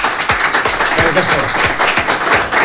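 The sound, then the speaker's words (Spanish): A steady burst of applause from a crowd for a violinist, dense and continuous for a couple of seconds, fairly loud, with a few sharper claps standing out. “Quique Pérez, violinista, un fuerte aplauso para él”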